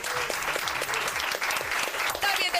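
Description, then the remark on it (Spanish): A large audience bursts into steady, loud applause as screenwriter and comedian Laura Márquez is introduced, the dense clapping sustained throughout with a few cheers and voices mixed in. “¡Atención, un fuerte aplauso para Laura Márquez!”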